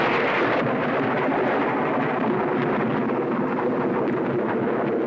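A deep, continuous rumble of thunder rolls on for several seconds, loud and steady, with a dense, grinding low roar and no voices.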